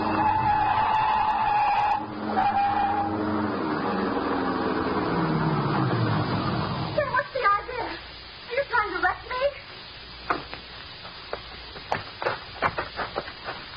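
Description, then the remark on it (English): A long, loud tire screech slides downward in pitch for several seconds as a car skids and is run off the road into a ditch, then gives way to choppy, uneven bursts that sound like voices. “Now, run her off in the ditch.”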